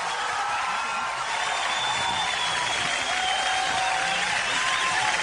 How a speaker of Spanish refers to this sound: Muy bueno, aplausos.